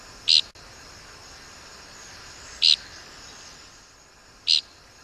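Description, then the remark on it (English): Three short, buzzy dickcissel flight calls ring out at spaced intervals, each a brief raspy burst standing clearly above a steady background hiss. “We birders mostly find dickcissels by their distinctive flight call, which is invariably described as flatulent.”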